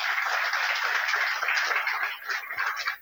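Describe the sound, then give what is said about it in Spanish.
An audience applauds a fellow journalist from Paysandú steadily for about three seconds, a dense crackle of many hands clapping at once, fading slightly toward the end. “Un gustazo, el aplauso para el sanducero entonces.”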